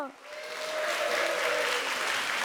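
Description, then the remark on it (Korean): An audience breaks into loud, sustained applause welcoming the 춤빛무용단 (Chumbit dance troupe) and young performers, a dense wash of clapping that swells quickly and holds steady, with a faint tone from a voice or instrument trailing off early on. “끝까지 함께해 주셔서 감사드리며 큰 박수로 춤빛무용단과 소리 소은 친구들을 맞이해 주세요”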